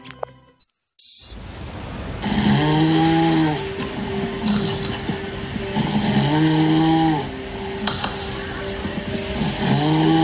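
Loud, rhythmic snoring: three rasping, drawn-out snores at steady intervals of about three and a half seconds, with a hissy background noise and no talking. It is the first of six snoring recordings played so that listeners can judge whether the snoring is high-risk.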